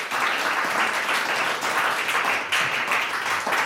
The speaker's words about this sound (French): Merci beaucoup pour les applaudissements. Merci.